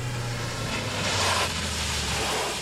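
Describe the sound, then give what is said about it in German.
A car pulls up at a hunting lodge, a steady engine rumble with broad road noise, its low hum dropping slightly in pitch as it slows and stops. No one speaks. “Und kaum waren wir auf dem Jagdschloss angekommen, da hörten wir ein Auto vorfahren.”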